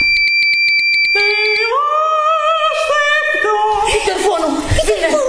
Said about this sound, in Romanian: Telefonul! Ce facem?